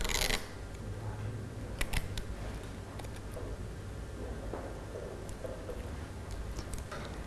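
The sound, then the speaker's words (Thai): Quiet crafting noises: a brief rip at the start, then scattered small clicks, taps and crinkles as a teacher pulls clear tape and presses it to fix chopsticks onto the middle of a sheet of paper for a traffic-light craft, with no talking. “การติดไม้ตะเกียบนะคะเด็กๆคุณครูจะเป็นคนทำให้เด็กๆนะคะคุณครูจะใช้เทปใสในการติดค่ะให้เด็กๆวางไม้ตะเกียบไว้ตรงกลางและติดไม้ตะเกียบกับกระดาษค่ะ”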